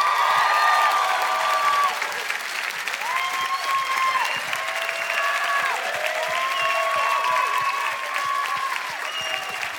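A crowd at an MTV Unplugged concert applauds loudly and steadily as a guest singer is welcomed onstage, a dense wash of clapping with scattered whistles and cheers rising above it, sustained for the whole stretch.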